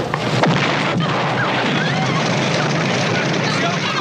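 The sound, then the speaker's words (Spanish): A bomb explosion in a film's opening scene, interrupting a kiss: a loud, dense roar of blast noise with sharp crashing impacts in the first second, followed by sustained rumbling and debris-like clatter throughout. “El beso se interrumpe dramáticamente por el estallido de la bomba.”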